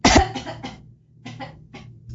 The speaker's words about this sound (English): Instead of just announcing I'm going to cough and then just doing it. Okay, I'm going to try the cough button. Hang on.